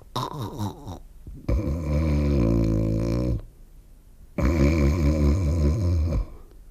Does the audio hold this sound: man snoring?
yes